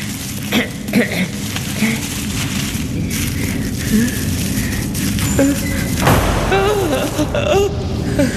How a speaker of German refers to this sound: Nur die Tür. Es war nur die Tür.